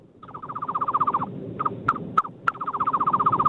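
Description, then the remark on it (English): A man imitates a bird call over a phone speaker: a loud, rapid warbling trill of repeated notes, broken midway by a few sharp, high whistled chirps before the trill resumes. “best bird noise”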